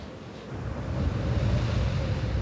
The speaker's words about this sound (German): Die Bura, ein kalter Fallwind, kommt plötzlich, pfeift über Land und Meer und erreicht Geschwindigkeiten von über 200 Kilometern pro Stunde.